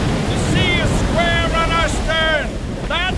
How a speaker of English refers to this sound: Port your helm! Here comes another wave on the other side! Steady now!